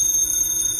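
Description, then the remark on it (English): A telephone rings with a shrill, steady electronic trill that fills the whole short moment, loud, with no one talking over it, in a house in Beverly Hills at 4 o'clock in the morning. “That's a phone. Who'd be calling me in the middle of the night?”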